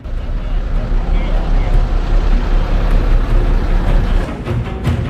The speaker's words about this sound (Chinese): 此刻，车队正行驶在令汽车兵胆战心惊的库地打板。库地打板在维吾尔语中意为猴子也爬不过去的雪山，打板路况十分艰险，经常会出现滑坡、塌方等情况，而且山体落差巨大，一侧就是万丈深渊。